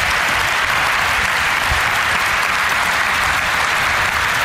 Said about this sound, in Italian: Prima di tutto, poi li presenterò in modo più adeguato dopo, vorrei che voi faceste un grande applauso alla sociologa, professoressa Eva Illouz, qui alla mia destra.